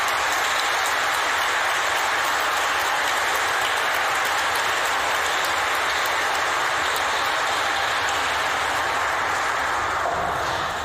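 An audience applauds steadily for about ten seconds, a dense, even wash of many hands clapping in a reverberant room, with no voices over it before it begins to taper at the end.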